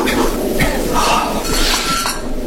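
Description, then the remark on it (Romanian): Glass bottles clink together in a few bright taps, with a faint hum of background noise throughout. “adu sticla aia cu coge.”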